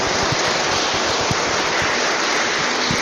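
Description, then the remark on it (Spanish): A crowd at a church service applauds steadily for about three seconds in honour of San Francisco de Asís, a dense, even wash of many hands clapping at full loudness with no voices heard over it. “Démosle un fuerte aplauso a San Francisco de Asís.”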